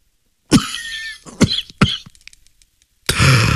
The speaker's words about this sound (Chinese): 他被烟呛住了，不禁咳嗽了起来。